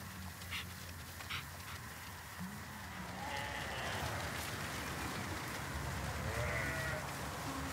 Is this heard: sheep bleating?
yes